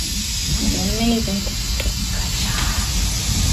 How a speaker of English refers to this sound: She's kneeling over a bed, breathing nitrous oxide through a mask, and you hear the sound of the tank rumbling in the background.